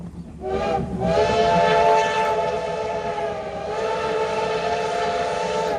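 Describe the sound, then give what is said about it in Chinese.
The whistle of the black CT273 steam locomotive blows long and loud over the steady rumble of the passing train, sustained for several seconds with no voices present. The train is Taiwan Railway's midsummer Formosa (Baodao) excursion, running through the Huadong Rift Valley and rice paddies. “黑色车头穿越了花东纵谷和稻田，蒸汽火车跟自然景色交织，也成了每年仲夏宝岛号出行的最大亮点。”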